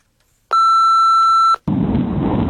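voicemail beep tone

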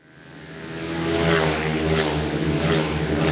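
speedway motorcycles racing

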